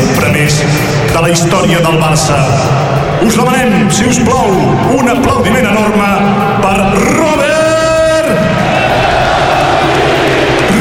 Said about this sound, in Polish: Klaski nastająco, skandowane nazwisko Lewandowski na Camp Nou i brawa dla kapitana.